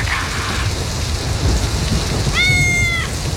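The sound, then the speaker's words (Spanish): Steady, dense rain drums on a tin roof without a break, while a cat gives a short, clear meow near the end and a fainter one at the start. “Qué rico que es dormir con la lluvia. Que suene ahí con las latas ahí.”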